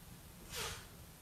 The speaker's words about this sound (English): Forgive me, I'm going through a sneezing fit. My allergies are killing me. So if I'm silent, it's because the allergies.